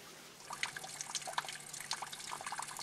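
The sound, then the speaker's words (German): Spring water runs and splashes steadily from the spout of a public fountain in the mountain village of Rio nell'Elba, with bright dripping and trickling sounds scattered over a continuous flow, moderately quiet, with no voices. “Auch heute noch ist das Quellwasser für jeden zugänglich.”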